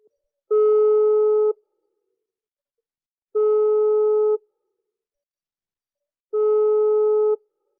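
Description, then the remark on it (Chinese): A telephone ringback tone sounds three times while a call to the speaker's uncle connects, each steady electronic burst lasting about a second, separated by roughly two-second silences. Clear, with no voices. “你稍等我一下啊，我这个等我一下，我马上拿电话啊，我给这个小叔打电话。”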